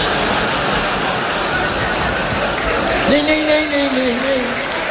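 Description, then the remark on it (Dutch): Steady applause from a large crowd, dense and continuous throughout, with a single voice briefly calling out over the clapping toward the end. “Nooit voor jezelf klappen”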